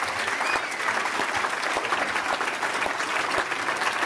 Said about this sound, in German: Mal einen Applaus für die gesamte Technik hier auf dem Gelände. Das sind viele tolle Kolleginnen und Kollegen.